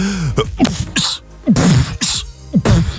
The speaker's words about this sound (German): Ja, oder der hier, die Hip-Hopper unter den Niesern, der Typ Beatbox.